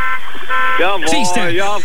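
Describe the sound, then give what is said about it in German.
Several car horns blare at once, overlapping sustained honks with shifting pitches, loud, as drivers honk together in a traffic jam on the A5 motorway. “Ihr FFH hört, hupt jetzt. Jetzt hupt ihr überall.”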